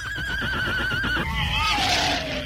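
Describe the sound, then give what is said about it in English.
A horse whinnies once, loud, a shrill quavering call that wavers and then slides downward in pitch over a couple of seconds. “Get the horses out of here.”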